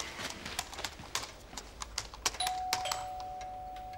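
household object, doorbell ringing

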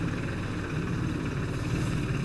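vehicle, tractor engine running

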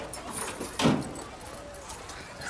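household object, keys jangling

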